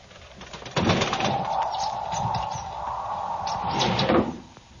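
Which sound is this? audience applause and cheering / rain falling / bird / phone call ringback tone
bird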